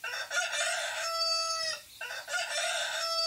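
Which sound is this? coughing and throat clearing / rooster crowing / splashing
rooster crowing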